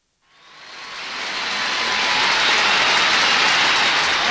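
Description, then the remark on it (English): A subway train roars in and builds to a loud, steady rumble within a second, a dense wash of noise with a faint metallic whine running through it. No voices are heard. “Well, there we are in the subway together, buddy.”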